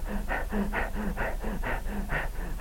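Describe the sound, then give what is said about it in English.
A person imitates the heavy, out-of-breath panting of people after about 10 minutes of screaming and rolling: quick, rhythmic in-and-out breaths, roughly two per second, some with a slight voiced grunt, without any talking. “After about 10 minutes of screaming and rolling, they'd be out of breath. They'd be breathing like this.”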